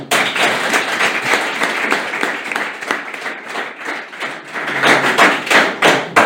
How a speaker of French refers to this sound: En plus, je vais vous dire, j'ai beaucoup de chance parce que j'ai un public très spontané, très sympathique, qui est prêt à m'applaudir.